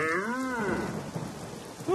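Heavy rain pours steadily in a dense hiss with deep thunder rumbling underneath during a storm, while a brief drawn-out tonal call rises over the storm at the start and again at the end.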